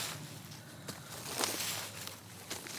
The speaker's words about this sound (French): Des feuilles ratissées.